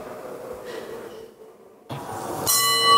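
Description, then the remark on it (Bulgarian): The first bell of the day opening a parliament session starts ringing near the end and keeps sounding steadily, bright and sustained, after a stretch of muffled noise and shuffling in the chamber. “Напрежението започна още с първия звънец за деня и декларация от партията на Румен Радев.”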